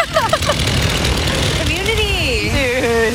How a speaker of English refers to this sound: Then a man in sandals stepped out of a truck with a chainsaw and started bucking a tree.